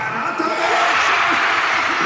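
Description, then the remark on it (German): A crowd of football fans cheers loudly in the Walserfeldhalle sports hall as Marco Arnautovic scores a penalty for Austria's 3:1 in stoppage time, a dense, steady roar of many voices that holds at full volume for the whole two seconds without any pause. “Ja, wir hören es in der Walserfeldhalle. Der große Jubel, Marco Arnautovic mit dem 3:1 für Österreich in der, ich glaube, es war jetzt mittlerweile schon die 12.”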